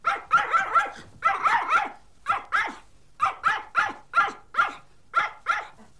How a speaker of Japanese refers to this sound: 当たり。犬さんね。